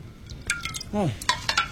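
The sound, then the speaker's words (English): Water splashes and drips in a few quick, wet bursts, with a brief voiced sound breaking in near the middle. “Water.”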